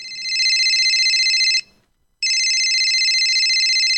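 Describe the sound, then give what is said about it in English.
A telephone rings loudly for an incoming call, an electronic trilling tone in two long bursts separated by a short pause, with no voices. “Thanks for ringing the show.”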